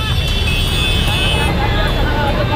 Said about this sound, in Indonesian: Viral video drone kemacetan parah di jembatan Rorotan Cilincing, Jakarta Utara, Senin pagi.